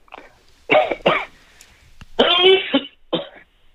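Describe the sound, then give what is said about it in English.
Sneezing: two short, sharp bursts in quick succession, then a longer harsh explosive burst and one final brief one, fairly loud with quiet gaps between. “No, just a sneeze.”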